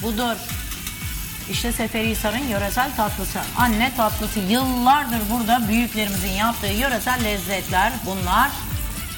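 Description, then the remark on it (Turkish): Hot fried pastry sizzles steadily in a cinnamon and sugar syrup, a continuous hiss running through the whole stretch while a woman talks over it. “o coz sesi geldi.”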